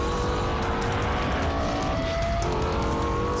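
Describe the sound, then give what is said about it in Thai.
A Lexus LFA sports car with a high-performance V10 engine roars loudly and steadily at high revs, its pitch rising and shifting with a faint tire-squeal edge, and no talking. “ตอนนี้มีรถมากมายติดเครื่องหมาย Lexus รุ่น LFA มากมายดังปราดเปรียวโดยใช้เครื่องยนต์สมรรถนะสูงแบบ V10 ในการผลิต”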